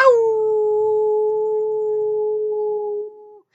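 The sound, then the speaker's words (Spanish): A person howls like a dog: one long, steady, sustained note held for over three seconds, loud, with no other sounds, ending in a quick fade. “¡He aullado!”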